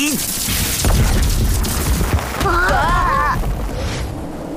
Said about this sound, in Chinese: 哇，石头都被打碎了，老板好厉害！